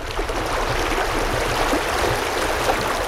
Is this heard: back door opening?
no